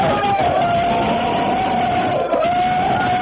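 A large group of students in a school corridor, urged to shout, yells continuously, a dense, loud wall of voices with one sustained high-pitched cry holding steady through the noise.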